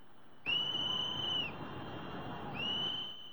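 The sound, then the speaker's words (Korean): Two long, shrill warning whistle blasts ring out over a steady roar of floodwater rushing over a dam under construction on the Trishuli River in Nepal, the first lasting about a second, the second starting just before the end. “다급한 호루라기 소리가 들리고 물줄기는 순식간에 댐 너머까지 넘쳐 흐릅니다.”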